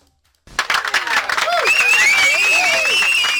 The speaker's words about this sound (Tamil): So பதில் சொன்ன எல்லாருக்கும் ஒரு மிக பெரிய கைத்தட்டலை கொடுத்துடலாம்.